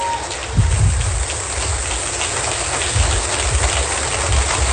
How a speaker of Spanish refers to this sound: Más fuerte ese aplauso, maravilloso.